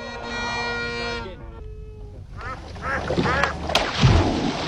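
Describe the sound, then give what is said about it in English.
A duck playing fetch quacks loudly in a series of rough, nasal calls, starting with a steady drawn-out tone and breaking into a noisy, rapid flurry of quacks. “What's this? Duck fetch.”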